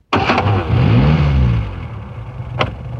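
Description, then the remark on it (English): A van engine cranks and catches, then revs with a rising, then falling, hum before settling into a steady rumble; a brief sharp click sounds near the end. No voices. “Country Mouse jumped out of the van as it passed the lane where he lived.”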